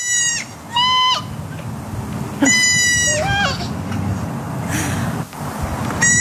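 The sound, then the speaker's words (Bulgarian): A goat kid bleats in short, wavering cries, answered by a girl imitating the bleats in turn; several calls trade back and forth, fairly loud over a low background hum. “Момиченце и козле са си поговорили в кавички на един език, да видим или да чуем, може би.”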